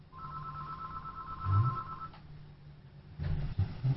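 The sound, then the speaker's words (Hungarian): A steady electronic ringback tone purrs over a phone line for about two seconds, then cuts off, followed by brief clicks and line noise as the call connects. “Kapcsolt be a telefont”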